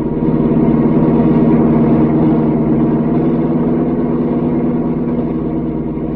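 A car engine drones steadily and loudly throughout, a continuous motor hum with a slightly rough, throbbing texture as the car races down a mountain road, with no voices.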